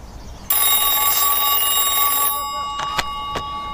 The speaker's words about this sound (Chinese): 稍等一下啊，接个电话。